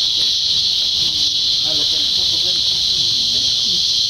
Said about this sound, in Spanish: Todos crecimos con este canto de las chicharras. Antes y durante la temporada de lluvias, el sonido de las cigarras o chicharras domina el paisaje sonoro en los bosques y áreas naturales en zonas urbanas.